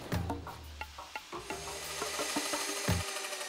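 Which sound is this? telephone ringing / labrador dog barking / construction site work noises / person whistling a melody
construction site work noises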